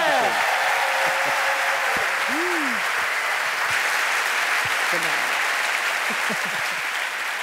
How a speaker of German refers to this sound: Naja, komm, eine Runde Mitleid und natürlich auch einen Riesenapplaus nochmal für Jan van Weyde!